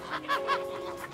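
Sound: chickens clucking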